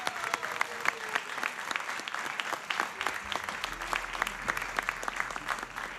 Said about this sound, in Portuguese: quero pedir uma grande, grande, grande salva de palmas para a guitarra portuguesa